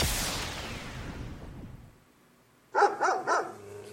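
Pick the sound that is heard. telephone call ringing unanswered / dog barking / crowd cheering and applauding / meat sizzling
dog barking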